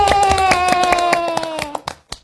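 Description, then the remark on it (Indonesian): Quick, steady hand clapping applauding a performance, with a sustained vocal tone held over it, then the clapping thins out into a few final claps. “Wah, penampilannya Kak … bagus banget ya. Tepuk tangan yuk.”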